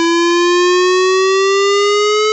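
A civil defense warning siren test in the Red Lynch Valley, Brinsmead and Freshwater areas of Cairns sounds alone: a loud, steady, continuous wail whose pitch climbs slowly and smoothly throughout.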